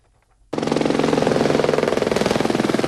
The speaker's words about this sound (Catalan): El tràfic d'helicòpters per descarregar aigua ha sigut constant durant les últimes hores.